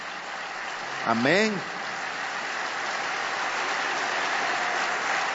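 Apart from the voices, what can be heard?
audience applauding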